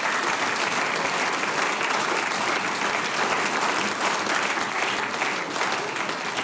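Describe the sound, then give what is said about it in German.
Sustained audience applause, a dense steady wash of many hands clapping at an even, fairly loud level throughout, with no voices rising above it. “Großer Applaus”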